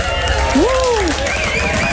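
Steady, dense applause on the Radio Veronica show Dansvloer Date fills the full two seconds at an even loudness, with a swooping tonal whistle-like glide rising and falling through the middle.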